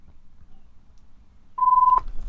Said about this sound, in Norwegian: Da ringer det.